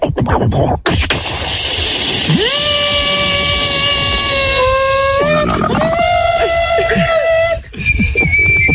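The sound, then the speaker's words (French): A pressure cooker whistles with steam, a shrill steady tone rising sharply at the start, holding for several seconds with a brief sputter midway, then cutting off, loud with hissing around it. “Ouais. La bouilloire. Allez, ah, cocotte minute, on prend.”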